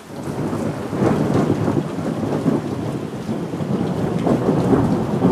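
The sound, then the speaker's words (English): Steady, heavy rain pours throughout while deep thunder rumbles underneath, the storm's roar fairly loud and continuous with no voices present. “When storms threaten, minutes matter.”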